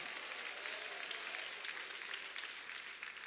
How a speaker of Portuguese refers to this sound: bate palmas, dá glória a Deus. Pode glorificar Jesus.